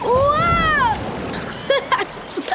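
A wave crashes in a loud, sustained rush of water for about a second, knocking a person over, while a voice cries out over it, followed by a few smaller, scattered splashes.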